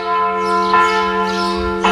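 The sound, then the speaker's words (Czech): Church bells of a church in Marija Bistrica ring loudly, their deep resonant tones humming continuously while fresh strikes land about once a second, with no voices present. “Dok slušamo zvuk zvona crkve ptice Marija Bistrica, evo nam i putokaza za odgovor.”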